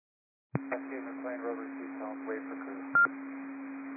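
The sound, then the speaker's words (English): A steady, low-pitched radio dispatch alert tone holds under muffled, band-limited dispatch chatter, broken near the end by a short, louder higher beep before the tone resumes. “One and team receive tones.”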